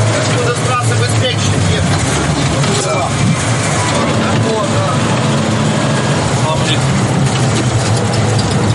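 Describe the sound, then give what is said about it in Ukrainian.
A heavy armored military vehicle's engine runs steadily, a loud, continuous low rumble and roar with no pauses throughout. “Позицію без броньованої машини не рушають.”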